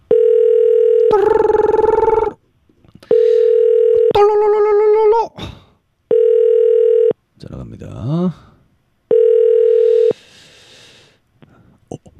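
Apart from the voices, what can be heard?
telephone ringback tone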